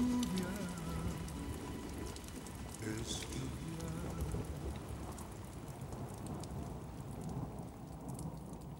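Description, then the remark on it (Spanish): Steady rain pours down, a dense, continuous patter of raindrops hitting a surface, with a low rumbling undertone beneath it, holding an even, moderate loudness throughout. “Es lluvia, gotas de lluvia, yo siento como lluvia.”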